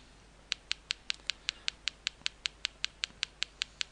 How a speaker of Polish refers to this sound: Urządzenie wydaje takie pstrykanie, takie tyk, tyk, tyk, tyk, tyk, tyk, tyk, szukając, identyfikując obiekt i informuje nas, że znalazło nową etykietę.